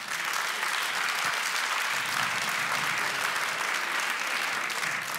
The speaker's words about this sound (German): Wer hatte schon mal Liebeskummer? Bitte einmal Applaus für Liebeskummer.